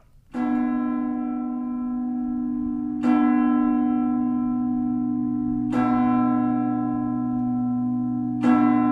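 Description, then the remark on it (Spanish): Church bells ring out in slow, evenly spaced strokes about every three seconds, each loud and resonant with a long humming decay that overlaps the next. No voices are heard. “Y este toque de campanas indica que ha llegado el momento en América Mágica de Radio Clásica de adentrar.”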